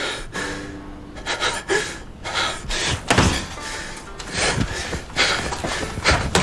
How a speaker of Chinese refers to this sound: 黄玲的坚持让这场对峙以庄超英的摔门而出仓促收场。